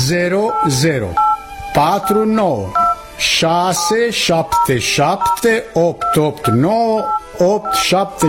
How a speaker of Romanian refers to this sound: Ține-l închis, scoate telefonul și fă numărul pe care ți-l spun.